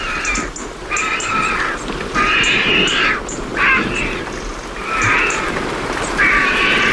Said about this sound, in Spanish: al fondo se están secando las plumas, los buitres. Ahí están. Con ese cacareo y una garza real.